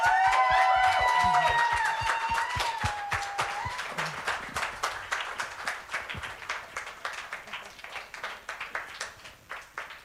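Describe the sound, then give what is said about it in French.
An audience at the Académie du Climat applauds steadily with dense, rapid clapping, a few voices cheering and whooping at the start, then the clapping slowly thins and fades toward the end. “un grand merci, applaudissez.”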